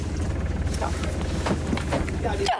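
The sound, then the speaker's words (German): A boat engine idles steadily, a low, even throbbing rumble that runs unbroken for the whole stretch, with faint muffled voices now and then, as the boat gets ready to cast off while the weather clears and blue sky shows. “So, der Motor ist schon mal an.”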